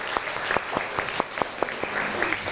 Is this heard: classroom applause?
yes